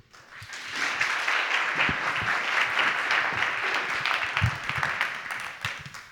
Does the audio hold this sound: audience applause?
yes